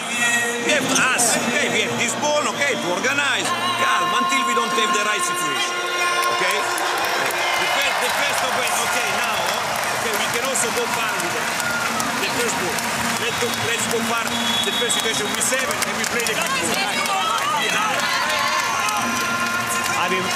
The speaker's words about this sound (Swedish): Jag måste ju berätta vad som händer i hallen. Alla kanske undrar varför det jublas på det här sättet.